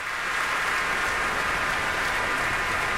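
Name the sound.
concert audience applause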